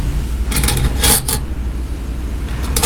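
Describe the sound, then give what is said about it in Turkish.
A metal fork and spoon clink together in a quick cluster of bright taps as they are handed over for a meal, followed by a few fainter clinks near the end over a low background rumble. “Garpu sama sendoknya.”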